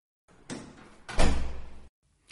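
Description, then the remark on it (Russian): A woman closes a door behind the men: a brief scraping slide, then a heavy thud with a low, lingering rumble, and finally a small click of the latch. No one speaks. “Женщина закрыла за ними дверь, и мужчины остались одни.”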